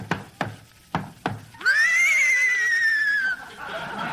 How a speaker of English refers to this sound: Hey, Abbott, there's somebody riding into the studio on a horse. Whoa, Crooner!